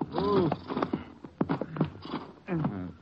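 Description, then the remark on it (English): Horses' hooves clop in a few uneven steps, then settle as the riders stop to leave the horses, with a low voice and faint snorting sounds mixed in. “We can't go in very far in the horses. Maybe we should leave them right here.”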